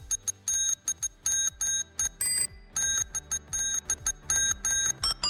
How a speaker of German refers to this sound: Wir wollten von euch wissen, welcher Sommerhit das wohl ist. Welcher Sommerhit sich da hinter dieser Fahrradklingel versteckt.